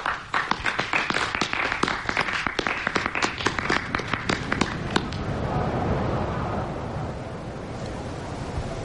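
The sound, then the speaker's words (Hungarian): A theatre audience whistles in disapproval, the noisy crowd punctuated by a rapid run of sharp claps or stamps that thin out halfway through, leaving a restless rumble of voices. “Most majd a cselekmény értelmetlenségétől felingerelt közönség fütyülni kezd.”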